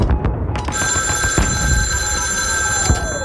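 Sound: telephone ringing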